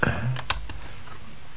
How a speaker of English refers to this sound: Are you hearing the machine clicking in?